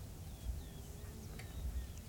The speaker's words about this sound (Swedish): bara höra vad vi hör just nu. Ja, vi hör lite rödbenor här i lite längre bort, och sen är det gulärla och sånglärka framförallt här.